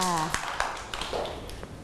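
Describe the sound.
A few scattered hand claps from children, uneven and fairly close, following a brief voice at the start, with faint chatter underneath.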